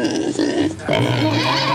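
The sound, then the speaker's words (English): A pig oinking sound effect, loud in two rough, snorting bursts, the second one longer and rising in pitch, with no talking over it, played in a money-guessing game to signal the guessed amount is too low. “No! Pig said higher.”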